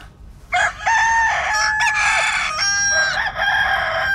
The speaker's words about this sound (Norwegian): Altså, det full krisestillstand i Larvik, hvor en hane åpenbart har glemt å stille klokka og starter morgenkonserten sin allerede klokka 2 på natta, skriver Østlandsposten.